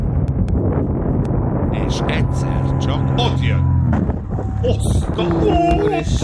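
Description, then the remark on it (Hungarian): Loud, steady wind rushes and roars past a flying paraglider across the whole recording, buffeting the microphone, while a voice speaks and drawn-out tonal, almost sung notes from the singing paraglider float above the noise. “Ott, majd hallasz egy hangot, figyelj. Ez a szél.”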